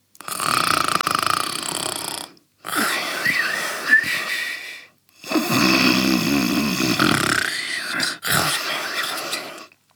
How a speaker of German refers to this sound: Und da liegt er jetzt und schnarcht. Ganz laut.